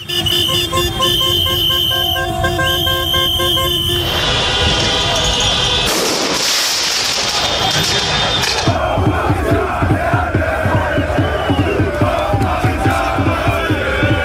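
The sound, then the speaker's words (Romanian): A loud street crowd of PSG football fans in Paris roars and chants, celebrating qualification for the Champions League final, while car horns blare in long sustained tones, followed by bursts of noisy bangs from fireworks and steady rhythmic chanting with clapping-like beats. “Fanii au invadat străzile, nu au lipsit torțele, fumigenele și focurile de artificii.”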